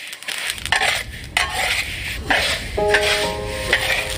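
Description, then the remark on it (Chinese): Sesame seeds being freshly stir-fried in a pan to bring out a stronger aroma, for aged vinegar: a steady, dry hiss and rustle with repeated scraping strokes, and a faint metallic ring toward the end. No one speaks. “芝麻现炒，备出更浓郁的香味。”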